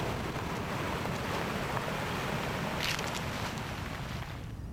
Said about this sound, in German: Eine plötzliche Böe. Blätter rascheln heftig. Lange Pause. Nur Wind.